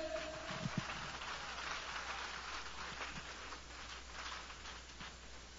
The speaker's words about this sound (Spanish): Nos cayó el agua, pero aquí estamos contentos.